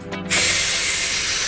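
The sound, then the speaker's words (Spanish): A nightclub smoke machine hisses: a short low hum, then a sudden loud, steady jet of airy spray that holds evenly, bright and broad, with no voices. “Ah, el humo. Se llenaba de humo.”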